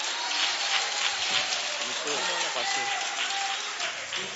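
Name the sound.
audience clapping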